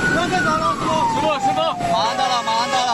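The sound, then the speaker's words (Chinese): A fire truck siren wails loudly, its tone sliding slowly downward in one long continuous sweep over steady traffic and street noise, as the fire truck carries an injured person at speed to the nearest hospital. “为了抢救生命，在做好安全防护，避免二次损伤的前提下，多名消防员协同配合，小心翼翼地将伤者平稳地抬上消防车，一路拉响警笛，火速赶往就近的医院。”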